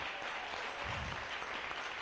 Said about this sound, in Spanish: Démosle un aplauso al Rey. Bien fuerte. Para el Rey.